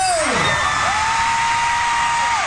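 A huge stadium crowd roars and cheers in a loud, dense wash of noise, with a piercing held scream rising above the din.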